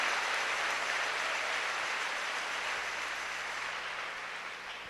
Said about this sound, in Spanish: Pídale ese don a Dios con un aplauso.